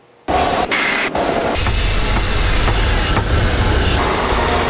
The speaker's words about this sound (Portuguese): São Paulo tem mais de 11 milhões de habitantes, então a gente vive assim. No trânsito entre buzinas e motores, porque a quantidade de carros nas ruas é impressionante.